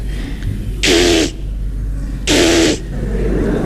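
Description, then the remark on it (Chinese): A voice mimics telephone dialing with two buzzy, hissing bursts, each about half a second long and separated by a pause of over a second, over a steady low hum. “拨号的。”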